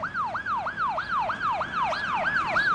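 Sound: ambulance siren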